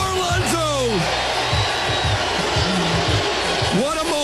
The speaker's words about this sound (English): What a moment at Citi Field. Everyone is cheering Pete Alonso, even though he's tied this game up in the ninth.